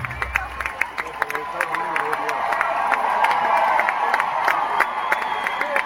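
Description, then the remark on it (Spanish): A large crowd at the Movistar roars with sustained shouting and cheering directed at a performer, a dense wash of voices that swells and holds steady, punctuated by sharp claps and whistles throughout. “Y ahí empiezan los gritos a él.”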